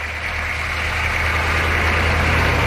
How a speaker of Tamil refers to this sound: அடுத்த நாள் சூரியன் உதிக்கும் முன்பே ஒரு லாரி வந்து நின்றது.